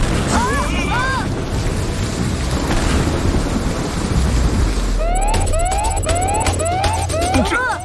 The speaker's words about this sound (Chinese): 这不可能，怎么会有这么强的闪电？